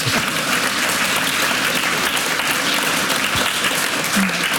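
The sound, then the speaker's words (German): Steady, dense applause from an audience fills the whole stretch, many hands clapping at once at a constant loud level, with a faint murmur of voices underneath. “Ja, ein Applaus.”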